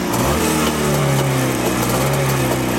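A small vintage (Oldtimer) motorcycle engine, just started after flooding the carburetor, runs loudly and steadily, its buzzing, slightly rising drone holding a strong low hum with rattly overtones throughout, no voices over it.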